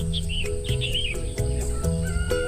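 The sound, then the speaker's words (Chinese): Birds chirp and warble in short repeated phrases at a quiet spot away from the busy city, over a steady humming background, with faint clicking ticks scattered through; no one speaks. “离开喧嚣的城市，来到一个被鸟叫醒的地方，享受着鸟语花香，是一件非常惬意的事情。”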